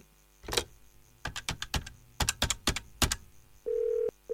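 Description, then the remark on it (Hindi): A rapid, uneven series of sharp key presses on a telephone keypad, clear, as a call is placed to the Rahimganj police station, followed by a short steady electronic tone. No one speaks. “Message करता हूं अभी उस इलाके के थाने को।”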